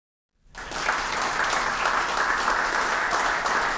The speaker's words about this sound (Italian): Il vero applauso, Carlo Assessore, era per la Panda 4x4, che era perfetta per la location sindaco, nella quale ci trovavamo.